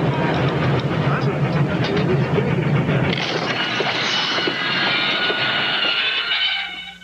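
The Venice Simplon Orient Express luxury passenger train rolls steadily along the rails, its loud, continuous rumble broken by a rhythmic clatter of wheels, before fading slightly at the end.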